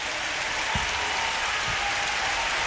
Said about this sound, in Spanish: Dale más fuerte ese aplauso.